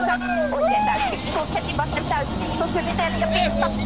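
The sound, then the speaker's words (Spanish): A steady, loud engine drone fills the cabin, heard from onboard the moving rally car of Esapekka Lappi (said as Peca Lapi) with co-driver Eni Malconi, on damp roads, with a voice talking over the continuous rumble. “Por ahora le cuento que también estamos justamente arriba del auto de Katsuta y ahora estamos arriba del auto de esa Peca Lapi junto a Eni Malconi, que era la navegante”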